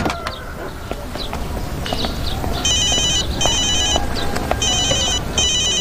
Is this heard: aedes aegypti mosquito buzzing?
no